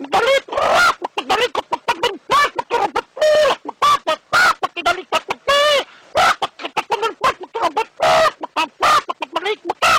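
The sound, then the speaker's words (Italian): A voice imitates a rooster and hen, with a rapid, continuous run of loud squawking clucks and crowing bursts, broken by brief pauses. “come arrivo lì vicino il gallo apre un occhio, mi guarda e mi dice”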